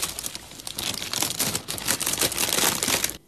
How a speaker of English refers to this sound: You forgot to shuffle the pack. Hmm, so I did. Oh, thank you for telling me that. I might win now. Right, I'm going to shuffle it now.